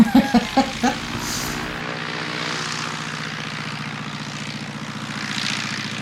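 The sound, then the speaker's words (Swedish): A small two-seat propeller airplane drones steadily, its engine hum continuous and even after a few short choppy bursts at the very start. “No, det är ju två personers flygplan.”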